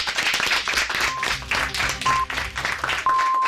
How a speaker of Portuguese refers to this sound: Igual que empezasteis con un aplauso, vamos a cerrar con un aplauso para recibir las noticias de la 1 de la tarde.